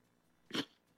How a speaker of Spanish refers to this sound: Disculpen, que me dio como estornudar y tardó un poquito.